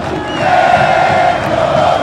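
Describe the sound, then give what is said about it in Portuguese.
A large crowd of Pelotas football supporters in a stadium roars and chants steadily, a loud, sustained wall of voices with a tonal sung quality, with no individual speech standing out. “E a torcida do Pelotas não tá ficando atrás, agora só deu uma parada, né?”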